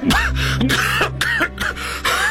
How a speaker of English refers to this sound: Excuse me. Will he be all right? Oh, yes, yes. It is just a coughing spell, my dear. Perfectly understandable.